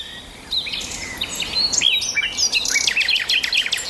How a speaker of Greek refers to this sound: One hour of relaxing bird sounds. Είναι μία ώρα ολόκληρη να ακούτε πουλιά.